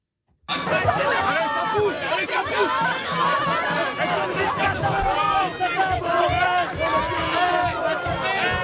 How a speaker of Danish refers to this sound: Det her, det er lyden fra Frankrig. Store demonstrationer. Demonstrationer, der bare fortsætter og fortsætter.